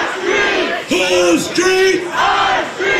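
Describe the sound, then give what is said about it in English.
At night, a loud crowd of protesters gathered at a site chants and shouts in unison, "Whose streets?", voices rising in rhythmic bursts with a dense, roaring mass of yelling filling the background. “That night, protesters gathered at the site. Whose streets?”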